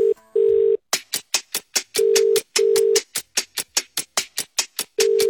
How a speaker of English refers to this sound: I'm going to give him a call right now